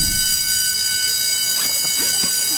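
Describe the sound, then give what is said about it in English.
A school class bell rings at the end of a class period in one long, unbroken electric clang, its shrill, steady tones sustained from start to finish while faint voices stir beneath it. “Finally, the class bell rang.”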